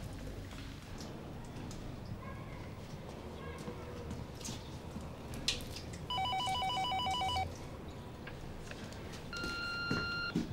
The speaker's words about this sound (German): geh bitte ans Telefon. Ich weiß, dass du da bist. Ich muss mit dir reden.